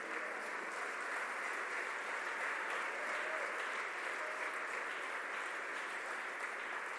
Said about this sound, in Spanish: A su nombre sea la gloria. Dele un aplauso fuerte al Señor en esta noche.